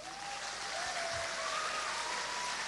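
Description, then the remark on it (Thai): A crowd applauds to welcome Anucha Prathan, a dense, continuous wash of clapping that holds at a steady, fairly loud level throughout, with a faint thin tone whistling underneath. “เราขอเสียงปรบมือต้อนรับพี่อนุชาประธานครับ”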